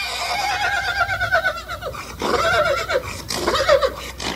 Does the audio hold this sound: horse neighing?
yes